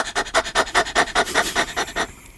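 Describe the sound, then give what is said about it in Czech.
A person imitates a dog's panting as a breathing exercise to activate the diaphragm, with about a dozen quick, breathy huffs in a steady fast rhythm, fairly loud, with no talking. “a taky nejlepší je na rozhýbání, tak je dělat takovýho toho psíka.”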